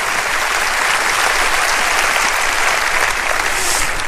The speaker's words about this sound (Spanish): Oh, vamos a aplaudir su grandeza. Vamos a aplaudir su grandeza. Aplauda su grandeza, aplauda su eternidad.